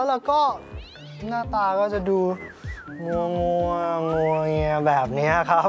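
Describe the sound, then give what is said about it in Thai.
A cat named Panther yowls and meows in long, wavering, rising-and-falling cries over several seconds while fighting with a neighbour's dog, mixed with a man talking. No dog can be made out clearly. “แต่ถ้าเกิดว่าวันไหนตื่นก่อนเวลาเพราะว่าได้ยินเสียงเจ้าแพนเตอร์เนี่ยทะเลาะกับสุนัข”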